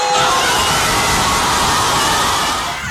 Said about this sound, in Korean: 종료 휘슬이 울리자 스페인 수도 마드리드 거리를 채운 수만 명의 인파가 일제히 환호성을 지릅니다.